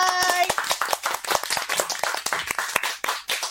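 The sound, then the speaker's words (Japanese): A few people clap their hands in quick, uneven, sharp claps that keep going for a few seconds. A brief vocal tone rings out at the very start. “はい、楽しみです。拍手。”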